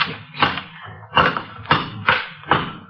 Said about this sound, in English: Here, take this crowbar and knock that wall down.